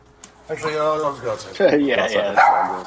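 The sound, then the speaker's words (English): A dog barks and yelps in a short, excited burst, its calls running together over about two and a half seconds, with people's voices mixed in. “Somebody shut that dog up.”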